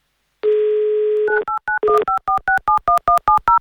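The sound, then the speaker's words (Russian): A steady dial tone sounds for about a second, then a fast run of short two-tone keypad beeps follows as a phone number is punched in for a call from the Avtoradio station to a listener in Smolensk Oblast, Russia. No one speaks. “Звоним, ждем гимн авторадио.”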